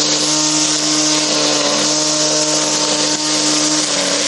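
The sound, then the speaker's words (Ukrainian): A homemade lawnmower built in a workshop from the wreckage of a Russian Molniya drone runs loud for the whole stretch, a steady mechanical whine with a humming drone and rough, noisy edges, holding an unchanging pitch with no voices. “Із уламків російського безпілотника «Молнія» зробили газонокосарку.”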